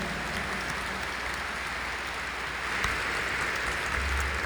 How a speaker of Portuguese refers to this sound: Palmas a nossos ministros e ministras.